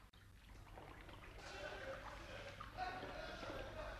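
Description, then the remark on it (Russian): Quiet, continuous trickling and light splashing of river water as Red Army soldiers bathe, with a low steady hum underneath and what may be faint, indistinct voices in the background. “У речки певуче звенели пила саперов, слышался плеск воды и довольный гогот купающихся красноармейцев.”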